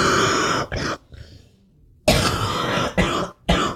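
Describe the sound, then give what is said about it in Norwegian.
A person coughs hard in a loud fit of several harsh, raspy bursts after something went down the wrong way in the throat, with a brief wheezy pause in the middle before more forceful coughs follow. “Åh, er ikke helt god den hosta det? Nei. Det kom bare litt feil i halsen.”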